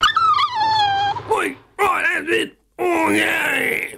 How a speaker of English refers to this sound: One kicked the boss's dog.